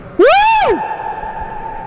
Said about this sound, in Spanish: Ya lo sé, quedó el eco, nadie miró, pero se quedó el eco bien. Sí, para todo el mundo miró. Se escuchó el aire. Todo el mundo ve, sí, se escuchó el eco.